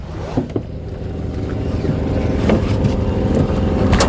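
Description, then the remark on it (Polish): A motorboat engine drones steadily, a low rumbling hum that swells slightly louder toward the end, with a few faint knocks and splashes over it and no talking, as the boat reaches the shore at San José de Acininga. “Nasza łódka dotarła do brzegu.”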